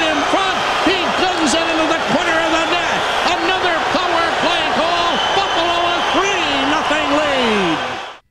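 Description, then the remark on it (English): A loud, packed arena crowd at the Bell Center in Montreal roars continuously for several seconds after a Buffalo Sabres goal in Game 4, 1998, as the Sabres clinch a sweep over the Canadiens, with a wavering musical tone riding over the din, before the noise cuts off abruptly. “The horn has its place, but you got to love the sound of the road crowd when you score on the road.”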